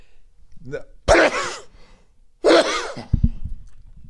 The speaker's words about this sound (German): Wenn man niesen muss, dann hält man das Mikro irgendwo anders hin. Das wäre jetzt sinnvoller gewesen. Ich hab die Hand vor den Mund gerade.